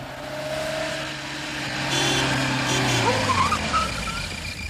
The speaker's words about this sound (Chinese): 晚饭的时候，门外忽然传来了汽车声，正在用餐的周北风与张东孙听了不禁用眼睛互相询问着。